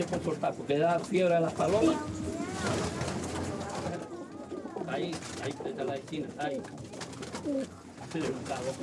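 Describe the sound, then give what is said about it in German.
Several racing pigeons coo continuously, their low, throaty calls overlapping, broken now and then by short bursts of wings fluttering. “Angst habe ich nicht, aber ich erschrecke mich immer, wenn die so flattern.”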